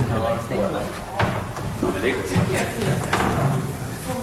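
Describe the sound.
The door of a small room housing wooden pipes is shut with a couple of short knocking thuds after a group is sent inside, amid shuffling and background murmur of people talking.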